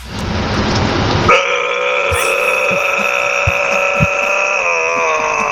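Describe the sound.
A man imitates a growl: a short raspy, noisy burst gives way to a loud, sustained buzzing drone with a steady pitch that holds for about four seconds.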